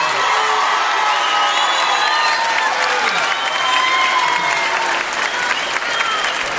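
Loud, sustained applause from a crowd, with cheers and high-pitched whoops rising over the steady clapping for several seconds.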